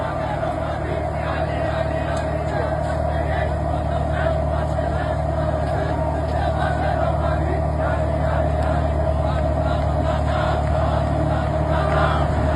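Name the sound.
tractor engine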